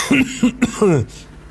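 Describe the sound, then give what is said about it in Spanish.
A few short coughs and throat-clearing sounds in quick succession, ending in a longer, lower-pitched rasp, all within about a second, with no talking. “Comenzamos tosiendo el programa de hoy.”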